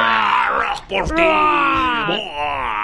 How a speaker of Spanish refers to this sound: Espera un ratito, tiene que decir algún grito okay, de algo. Ok. Pues. Ayúdame con un gritito así bien.